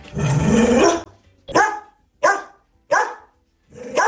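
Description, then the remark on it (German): A female dog named Cora barks loudly in Nüstal, Osthessen: one long, drawn-out bark followed by four short, sharp barks at a steady, evenly spaced rhythm, with no one talking. “Das ist Cora, wenn sie in Nüstal bellt.”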